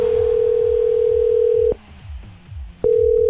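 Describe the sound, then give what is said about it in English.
A steady, single-pitched telephone dial tone before a call made by radio station Star 106.3 hums loudly for almost two seconds, stops briefly, then returns, with a soft low rhythmic pulse running underneath and no voices. “I've got a pretty important phone call to make.”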